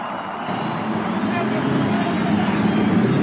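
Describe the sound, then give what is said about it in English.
A dense, steady roar of many race car engines being started along the main stretch before a race with over 300,000 fans. A low rumbling drone swells slightly louder over a few seconds, with a faint murmur of voices mixed in. “To the cares of over 300,000 fans, the engines are started along the main stretch.”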